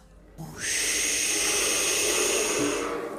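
A voice imitates big waves with one long, loud, breathy whooshing hiss that swells in quickly, holds steady for over two seconds, then fades slightly at the end.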